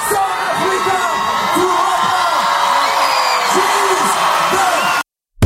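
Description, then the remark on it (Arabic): A large crowd roars and cheers continuously at an international star's concert at the 21st edition of the Mawazine festival, with light effects and fireworks, whoops and shouts rising above a dense wash of applause, then the sound cuts off abruptly near the end. “بفضل هذا العرض الحيوي، وقعت النجمة العالمية على واحدة من أقوى سهرات الدورة 21 لمهرجان موازين وسط تصفيق حار وتجوب جماهيري كبير.”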